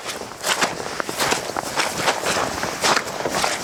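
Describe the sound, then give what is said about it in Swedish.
Footsteps squelching through wet bog down in the fen of Stormyran, the heart of a large mire complex, a steady walking rhythm of soft, splashy, sucking steps repeating every half second or so at moderate loudness, with no voices. “Det är ju från klaffset nere på kärret eller myren upp på den här tuvan där det är egentligen knastertort alltså.”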